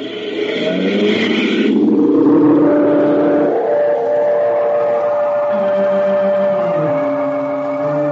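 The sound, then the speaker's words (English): A car engine at the Milestone Farm roars loudly and steadily as Tex and Mr. Miles set off in their car, its pitch climbing and dropping as it revs and pulls away, with no voices over it. “At the Milestone Farm, Tex and Mr. Miles climb in their car.”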